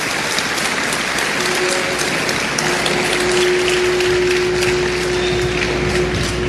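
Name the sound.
audience applauding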